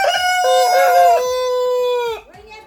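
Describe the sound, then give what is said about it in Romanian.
A rooster crows loudly in one long, drawn-out call lasting about two seconds, followed by softer clucking from many hens as it trails off. “Cine face așa? Niște găini, multe, multe, care sunt harnice acolo, cred că au făcut și ou.”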